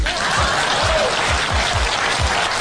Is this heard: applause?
yes